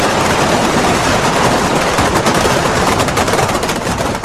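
A dense, continuous barrage of firecrackers crackles and pops rapidly like gunfire, loud and unbroken for several seconds with no voices. It is the nit de la crema in Alicante, the burning of the official bonfire monument by Pedro Espadero in the town hall square.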